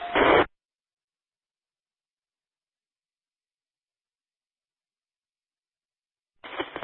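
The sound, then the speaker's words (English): Two brief, crackly bursts of static from a two-way radio during a radio check, one right at the start and one at the very end, separated by several seconds of dead silence. “I just have a tiny bit of static coming through, which is perfectly readable.”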